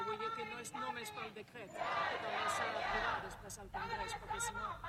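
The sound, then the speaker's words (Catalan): Raised voices of a crowd of protesters shouting together at a tenants' union protest while journalists question the union's spokesperson, swelling into a loud, dense roar midway before settling back into overlapping, chant-like yells. “Sentim els crits mentre els companys periodistes pregunten al portaveu del sindicat de llogateres,”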